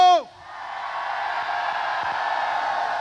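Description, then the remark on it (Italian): A large live audience in Carmiano, Italy, roars together on request at a Radio Studio Più event, a sustained, loud shout and cheer that fills the space. It opens with a brief falling whoop from one voice, then the massed yelling holds steady. “Dato che ci sentono, possiamo farle l'urlo?”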